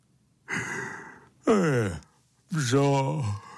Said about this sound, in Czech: A já nevěděl, jestli jen tak nahlas zívl, nebo jestli to zoo je něco, kde bydlí veliké kočky, co se jich lidé bojí.